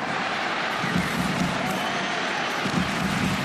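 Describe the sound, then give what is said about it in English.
A large crowd at Hunter Stadium roars steadily throughout just before a rugby kick-off, a dense, continuous wash of cheering voices with no breaks or clear individual shouts. “Listen to the crowd here.”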